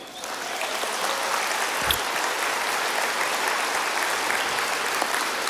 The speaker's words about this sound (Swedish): Och mirakel nummer 5 var att jag skulle få en fru och familj. Och där sitter hon. En applåd för henne.